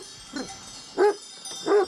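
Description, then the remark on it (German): A mountain sheepdog, raised and trained to herd sheep, barks three times at a slow, uneven pace, the first bark softer and the last two fuller and louder, over a steady background hiss with no talking. “Sie sind so ursprünglich wie die Hunde hier.”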